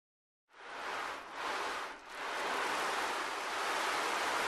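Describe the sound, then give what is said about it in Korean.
Ocean waves wash steadily against a shore, a broad rushing hiss that swells and dips a couple of times early on, then settles into a constant roar. No voices. “하지만 청개구리는 그 말을 듣지 않고 바닷가로 갔어요.”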